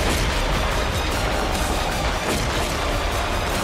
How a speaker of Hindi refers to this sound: तोप में गोला फिट करने के बाद ये अपने आप लोड हो जाता है और फिर एक जवान तोप में लगी स्क्रीन पर टारगेट को फिक्स करता है, इसके बाद ये तोप अपने आप तेजी से गोला फायर करती है।